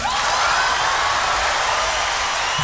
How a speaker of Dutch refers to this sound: Met applaus natuurlijk, hè.